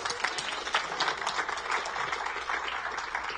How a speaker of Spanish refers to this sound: Aplauso para el Señor, démosle a Él la gloria, el honor, el poder y la alabanza por siempre.